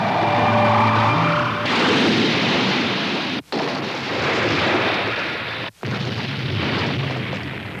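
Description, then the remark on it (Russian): A flying house makes a loud, sustained crash landing in Capernaum: heavy rumbling and booming fill the whole stretch, with a droning whine at the start and two abrupt cut-outs midway. No voices are heard. “Видели, какой я отличный пилот. Приземление произошло блестяще.”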